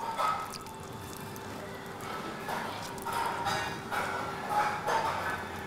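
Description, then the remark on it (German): Water drips and trickles in irregular, splashy bursts onto curing plastic, which heats as it hardens, to cool the spot, over a steady low hum with a faint high whine running underneath. “Deshalb kühlt Sarah die Stelle mit Wasser.”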